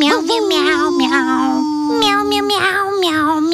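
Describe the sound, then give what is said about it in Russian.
In an IF.LV pet insurance advertisement, a child's high, sing-song voice imitates a cat, meowing over and over in a quick, wavering chain of drawn-out mews, loud and clear with no other sounds. “Мяу-мяу-мяу-мяу-мяу-мяу.”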